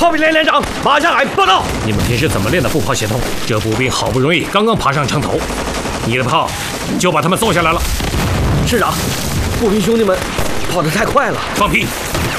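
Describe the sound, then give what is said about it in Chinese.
A chaotic battle din: repeated booming artillery shell blasts from the soldiers' own artillery and gunfire crash through the whole clip while many voices shout and yell over the constant roar of explosions. “我们的炮兵怎么打回来了？”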